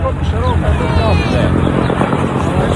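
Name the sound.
helicopter flying overhead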